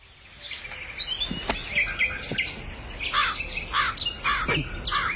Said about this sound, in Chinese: 呸！哪里来的乌鸦？晦气！